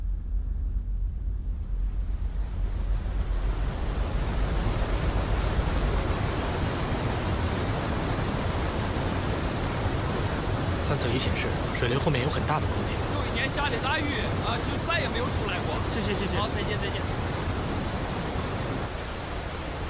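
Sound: roar of a waterfall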